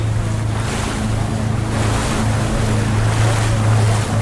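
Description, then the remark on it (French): A motorboat cruises across open water to a salmon farming site a few meters away, its engine a steady low drone beneath rushing water and wind noise, constant throughout with no voices. “Bon, après avoir visité la maison des travailleurs, on va aller visiter le site d'élevage qui se trouve juste à côté, à quelques mètres. Donc on va remonter dans le bateau.”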